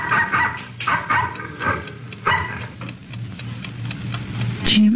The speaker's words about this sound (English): At 11:30 on the night of May 22, 1947, the Stockholm Ranch, located in the middle of Carson County, Texas, was darkened for the night when the occupants were awakened by the barking of a dog.